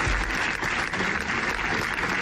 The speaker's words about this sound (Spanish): Es el sonoro aplauso que ha resonado esta mañana en las escalinatas de la Diputación Provincial de Zaragoza en recuerdo del bombero y del trabajador fallecidos ayer en un aparatoso incendio de un taller mecánico de Calatorao.